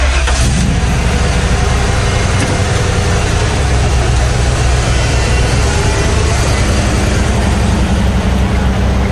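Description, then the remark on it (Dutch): A heavy truck engine turns over and catches, then settles into a steady, loud rumbling idle, with a dense low-frequency drone filling the whole stretch and no voices. “Ja, een vrachtwagen.”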